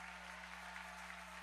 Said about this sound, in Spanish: vamos, dale fuerte el aplauso al Señor allí. Que se escuche un aplauso con alabanza.